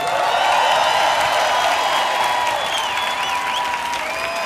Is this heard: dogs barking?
no